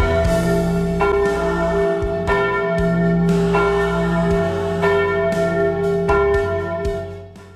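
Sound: bell being rung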